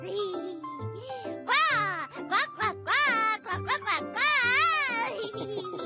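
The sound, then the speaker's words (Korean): A string of loud, high, warbling quacks from a duckling, bursting out in quick repeated calls with rising and falling pitch, voiced in a cartoonish, childlike way that sounds like an imitation. “정말 더 크게 꽉꽉 우는데요?”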